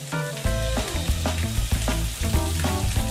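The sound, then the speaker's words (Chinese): Pieces of mandarin fish, cut into tassel shapes and coated in dry flour, sizzle steadily as they are deep-fried in hot oil until crisp. A continuous crackling hiss lasts throughout, with music playing underneath and no one speaking. “拍好粉底的鱼肉需入油锅炸制”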